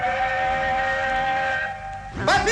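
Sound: train passing with whistle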